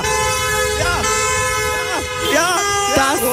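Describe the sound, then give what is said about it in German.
A loud, dense chorus of many car horns honks at once, overlapping into a sustained blare, with individual horns sliding and wavering in pitch throughout; a horn concert by traffic reporters gathered for a free car wash on a traffic reporters' day. “schönes Hubkonzert war das gestern.”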